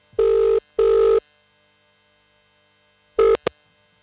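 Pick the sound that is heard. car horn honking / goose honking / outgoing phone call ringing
outgoing phone call ringing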